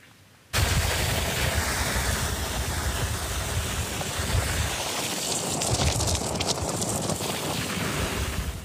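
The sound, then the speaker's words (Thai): A landslide on Highway 108 (Mae Sariang–Hot) at kilometre 170–171, about 500 metres from the Mae Ho checkpoint, Mae Sariang district, Mae Hong Son, Thailand: after a brief quiet moment, a heavy, steady roar of soil sliding down onto the road bursts in and continues loud, a broad rushing rumble with no voices. “เสียงเมื่อสักครู่นี้นะคะเป็นช่วงที่ดินสไลด์ลงมาบางส่วนแล้วก็ไปปิดทับเส้นทางบริเวณหลักกิโลเมตรที่170ถึง171บนทางหลวง108แม่เสรียงฮอดห่างจากด่านตรวจแม่เหาะอำเภอแม่เสรียงประมาณ500เมตรเท่านั้น”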